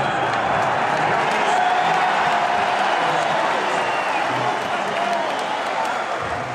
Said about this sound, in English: Before all of that, though, the big news of the day is that the Socceroos are through to the round of 32 in the World Cup. Here's the cheer at full time from the Drive.